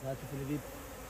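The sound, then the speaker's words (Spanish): Bees in a mangrove forest buzz in a steady, low droning hum that is prominent for about half a second, then trails off into faint background noise. No one speaks. “Pero cualquiera que venga aquí e intente explotar estos manglares de forma ilegal, por ejemplo, talándolos, acabaría siendo picado y ahuyentado por las abejas.”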